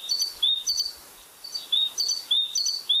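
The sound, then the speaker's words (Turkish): A great tit sings a bright, repeated two-note phrase in a steady see-saw rhythm, clear, with a brief pause midway before the pattern resumes; recorded in Bursa. “Büyük baştan karıyı Enes Kasapoğlu Bursa'da kaydettiler.”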